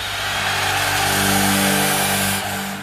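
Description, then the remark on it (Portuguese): A car engine revs loudly in a sustained roaring rise with a steady harmonic drone, lasting a few seconds with no voices, a short stinger introducing the traffic report on Nova Brasil radio. “Trânsito.”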